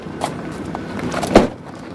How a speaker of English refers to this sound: stops the car and gets out menacingly.